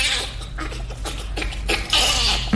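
Rapid, breathy panting bursts repeat in an uneven rhythm, a bonobo's laugh heard against a steady low hum, with a louder gasp near the end.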